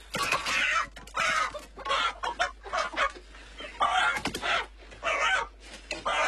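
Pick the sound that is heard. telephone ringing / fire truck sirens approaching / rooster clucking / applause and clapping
rooster clucking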